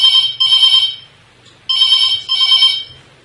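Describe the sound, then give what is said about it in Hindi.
A telephone rings for an incoming call during a farmers' phone-in programme, in two double bursts, each a pair of bright electronic trills separated by a short pause, loud, with a faint low hum beneath and no talking. “एक घंटी और भैया बजने लग, मेरे बजने लगी है, तो आप इनकी भैया की भी उठा लें कि नहीं?”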